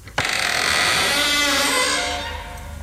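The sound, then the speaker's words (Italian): An old stable door is pushed and creaks open in one long, drawn-out groan with a sharp start. It is loud, raspy and strained, slowly easing off toward the end, with no voices. “Spingo la vecchia porta che a poco si apre cigolando.”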